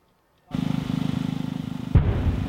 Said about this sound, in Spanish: Este es el momento en el que un dron ucraniano impacta en una playa de Rusia.